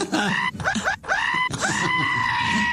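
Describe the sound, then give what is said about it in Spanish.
A voice imitates the anguished screams of someone having the foreskin cut without anesthesia: a few short, strained, wavering cries, then one long drawn-out howl. The sound is loud, with no speech around it. “¿Cómo grita? ¿Cómo grita?”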